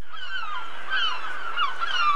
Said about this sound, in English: What is a seagull? Seagull, yes.